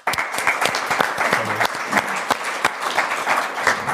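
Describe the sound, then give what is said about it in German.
An audience applauds steadily, many hands clapping in a dense, even patter of sharp claps that holds at a fairly loud level throughout, with no voices standing out. “Ihr Applaus.”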